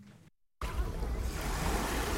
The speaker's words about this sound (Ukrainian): Ви чуєте, як шумить це море? Це Канни. І це Каннський кінофестиваль 79-й.